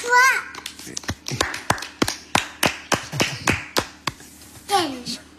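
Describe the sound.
A burst of sharp hand claps, about fifteen in an uneven rhythm, as family members clap for a two-year-old girl, whose voice squeals briefly at the start and again at the end.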